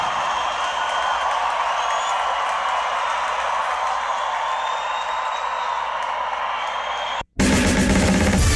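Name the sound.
audience applause and cheering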